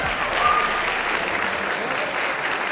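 Steady audience applause welcoming a science communicator guest on a show, a dense wash of many hands clapping at an even, fairly loud level throughout, with no voices standing out.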